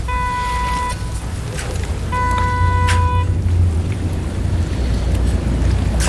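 Steady wind rumbles and buffets outdoors by the sea, with no voices, while two brief high tonal whines rise over the noise in the first half.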